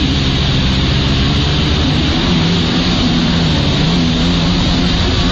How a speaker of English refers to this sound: as you can see, he's on one of these stand-up jet skis, and he kind of tries to maneuver himself so that he's doing this certain kind of trick here.